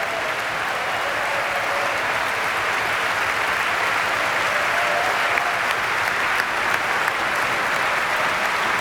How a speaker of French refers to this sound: après cette grande aventure romantique, cette grande aventure qu'est ce concerto de Dvorak, et revient sur la scène saluer le public de Beaux-Arts et recevoir aussi les acclamations chaleureuses de l'Orchestre Symphonique d'Anvers.